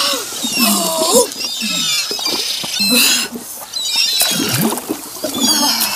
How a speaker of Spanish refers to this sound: ¿Escuchaste eso? ¿Ah? ¿Eso fue un quejido? ¡Sí! ¿Viene de allá? ¡Sí!